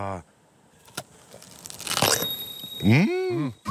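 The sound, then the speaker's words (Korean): A single crisp, crunchy bite into a fresh peach, fairly loud, with a brief crackle of chewing, then a person's voice follows right after. “아삭 소리.”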